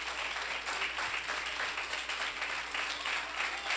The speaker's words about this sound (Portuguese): Vamos aplaudir mais forte ao Senhor Jesus. Glória a Deus. Aleluia. Isso, pode aplaudir mais forte.